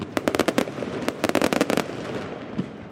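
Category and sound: sound effect, fireworks exploding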